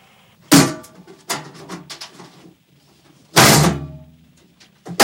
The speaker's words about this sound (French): Attendez, je vais essayer d'ouvrir la porte, quoi. Mais la cage, elle est bloquée.